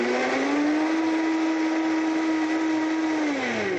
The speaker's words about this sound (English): And we are going to go ahead and blend this up. And this is a great thing. You can make this in under a minute. We'll get it going there and blending.